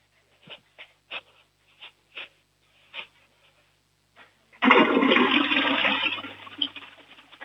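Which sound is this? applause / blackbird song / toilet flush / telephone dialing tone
toilet flush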